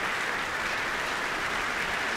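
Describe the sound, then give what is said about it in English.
A concert audience applauds Concertmaster Vesa Matti Leppänen, a dense, even wash of clapping that holds at a constant moderate level for the whole stretch with no voices rising above it. “Applause for Concertmaster Vesa Matti Leppänen.”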